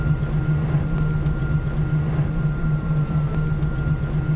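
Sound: electric vehicle motor hum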